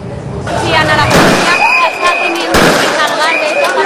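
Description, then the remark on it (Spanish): Several sharp, loud gunshots fired into the air crack out at irregular intervals over a noisy, agitated crowd of Moroccan migrants in a stampede in Ceuta, a Spanish territory in North Africa, with people shouting and calling throughout. “Una estampida, disparos al aire y varios heridos fue lo que se vivió hoy en Ceuta, un territorio español en el norte de África.”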